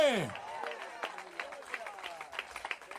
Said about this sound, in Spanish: Dele fuerte ese aplauso al Señor, a su nombre.